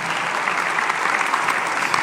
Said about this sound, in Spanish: Alguien tiene que gritar un fuerte amén y aplaudir el nombre del Dios que cuida de nosotros.